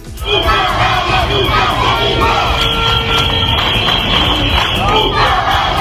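A large crowd of protesters at a demonstration in Ceuta chants and shouts "Un caballa nunca se rinde" in unison outdoors, loud and continuous, with high-pitched children's voices standing out above the mass of adult voices.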